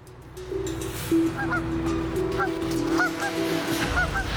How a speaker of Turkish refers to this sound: Bir kaz, McCurdy'nin çalışan tek rampasına yuva yapmış.